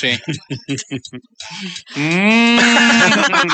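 A few quick vocal bursts give way to a long, loud cow moo that rises slightly and then holds steady for about a second and a half.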